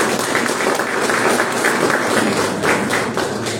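A crowd applauds steadily for several seconds, a dense, even patter of many hands clapping at a fairly loud, constant level with no voices over it.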